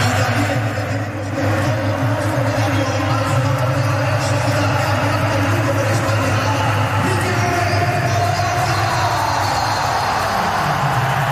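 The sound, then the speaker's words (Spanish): A large crowd at the Bernabéu stadium applauds Mikel Oyarzabal after his name is announced over the public address, a dense, continuous wash of clapping and cheering that holds at the same loud level for about eleven seconds, with a low rumble beneath and no distinct voices. “Ahí hay aplausos también para Oyarzabal. Esto es el Bernabéu.”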